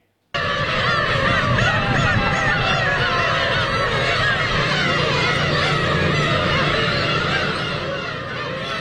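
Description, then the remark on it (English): A dense, continuous chorus of thousands of black-tailed gull chicks (umineko, or sea cats) crying with nasal, cat-like mews on Kabushima Island, Aomori Prefecture, northern Japan, in spring, many birds calling over one another for the whole stretch with no talking. “But don't be fooled, because what you're about to hear are black-tailed gull chicks, locally known as umineko, or sea cats.”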